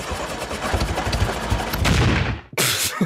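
The old Radio Vorarlberg tractor's engine cranks with a loud, rapid, rattling sputter for a couple of seconds, dies out abruptly, then coughs briefly again without catching.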